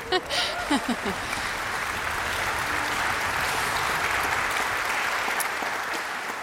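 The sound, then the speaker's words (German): Sustained applause from a large concert audience for the orchestra's concertmaster, a steady dense wash of clapping holding an even loudness throughout, with a brief voice audible at the very start. “Sie haben gerade sicher schon für ihn geklatscht, aber ich darf Sie noch mal bitten.”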